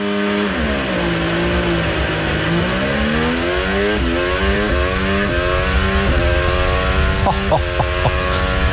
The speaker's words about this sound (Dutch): Hier de start vanaf de auto van Russell.